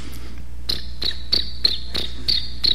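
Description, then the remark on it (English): A person imitates a cricket with their lips, producing a steady series of about seven short, high-pitched chirps at an even rhythm, clear with no talking. “And sometimes if I get my lips right, I can do a cricket.”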